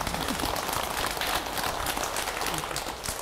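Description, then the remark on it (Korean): An audience claps steadily for a few seconds to applaud a good question, a dense, even patter of many hands with no voices, staying at a fairly constant level before easing slightly at the end. “좋은 질문 박수 한번 주세요.”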